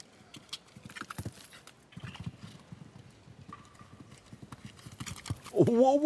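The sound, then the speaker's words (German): A horse, Quito de Mariposa, gallops in a show jumping round with steady, rhythmic hoofbeats pounding on soft ground, joined near the end by a short, loud rising tonal call over faint background voices. “Da hat aber wirklich die Galoppade lang gemacht hier.”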